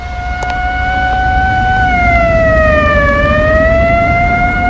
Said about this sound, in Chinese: 新军街上的警车军车拉着警报呼啸而过，老百姓见了一个个都惊恐万分。